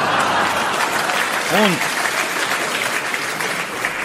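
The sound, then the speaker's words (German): Loud, dense applause fills the whole stretch, many hands clapping at once in a steady roar, with a brief voiced shout rising above it near the middle. “So etwas von donnerndem Applaus gab's in Toggenburg zum ersten Mal.”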